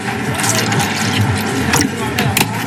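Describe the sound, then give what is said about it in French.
Pineapple juice is poured steadily into a glass while making a non-alcoholic piña colada, a continuous splashing, gurgling stream lasting a few seconds, with faint voices in the background. “Un peu de jus d'ananas.”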